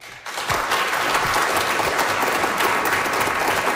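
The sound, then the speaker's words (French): An audience at a science talk event in a hall at the Cœur des sciences of UQAM breaks into sustained applause, a dense steady clatter of many hands clapping that starts abruptly and continues evenly throughout. “Par applaudissement dans la salle, qui a déjà suivi un régime?”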